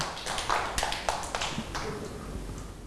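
A group of children clap their hands in a loose, uneven burst, sharp overlapping claps scattered across a few seconds at moderate loudness, with faint voices underneath.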